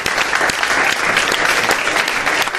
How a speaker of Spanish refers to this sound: Gracias a todos. Un aplauso os doy ahora por haber venido a vernos.